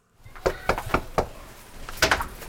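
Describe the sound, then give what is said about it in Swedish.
Someone knocks on a front door in a terraced-house area in Gottsunda, Uppsala, Sweden, while Green Party (Miljöpartiet) members campaign door to door before an election: four steady, evenly spaced raps, a brief pause, then two more quick knocks close together, loud with no talking. “Miljöpartiet knackar dörr i ett radhusområde i Gottsunda.”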